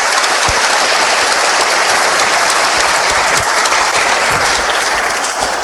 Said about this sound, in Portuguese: Salva de palmas aí, para quem nos visita.